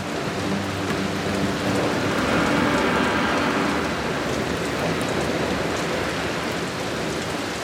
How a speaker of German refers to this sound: Die Tropfen werden immer größer und immer schwerer. Sie drängen sich eng zusammen und können kaum mehr schweben. So schwer sind sie geworden. Bald kann die Wolke die dicken Tropfen nicht mehr halten. Es gibt einen Wolkenbruch.